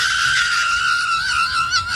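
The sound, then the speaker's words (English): A woman, the wife of Kansas City Chiefs quarterback Patrick Mahomes, screams loudly and continuously: one long, shrill, strained cry that holds steady for a couple of seconds. It is piercing, with no other voices. “Patrick Mahomes and his screaming, insane, lunatic wife.”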